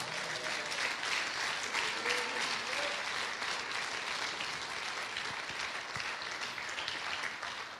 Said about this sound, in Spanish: Dilo, Dios. Dele ese aplauso al Señor.